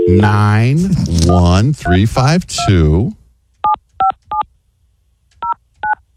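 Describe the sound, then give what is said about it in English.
A person talks briefly, then five short touch-tone keypad beeps follow as a phone number is dialed: a quick run of three, a pause, then two more, clear. “Here, you want me to call the number?”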